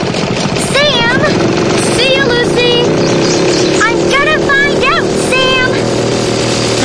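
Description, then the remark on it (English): A lawn mower engine, being used to mow a lawn, drones steadily and loudly throughout, a constant rough hum, while voices call out over it in short rising and falling bursts. “What's happening is, I've got to finish mowing my lawn.”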